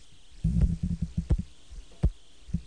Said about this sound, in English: Hear that clicking? That's your Star Edwards valve, right? Or St. Jude valve? St. Jude.